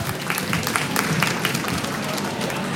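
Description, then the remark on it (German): Steady audience applause sending a guest off the stage, a dense wash of many hands clapping at an even, sustained level with crowd noise blended in, no single voice standing out. “Dann schicken wir dich einfach mit einem lauten Applaus von der Bühne.”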